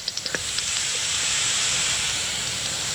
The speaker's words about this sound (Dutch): Ja. Hoort van die kleine natte plopjes. En dat is dan de dwergvleermuis. En als die harder geluid maakt, dan is het inderdaad. Ja, die 50 hertz binnenkomt, is de gewone dwergvleermuis.